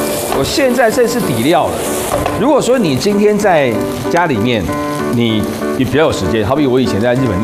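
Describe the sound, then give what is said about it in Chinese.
White miso paste sizzles and crackles steadily in a hot pan while being stir-fried as the base for a Korean-style tofu stew, a continuous frying hiss that runs beneath a person talking throughout. “味噌它也是发酵的豆腐锅， 所以我把味噌放进来了， 还蛮香的，觉得炒一炒。”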